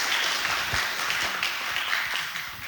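Sustained audience applause, a dense wash of many hands clapping at a steady, fairly loud level that eases slightly toward the end, with no clear voices above it.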